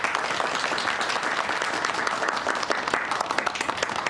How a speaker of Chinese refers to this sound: 大家掌声欢迎。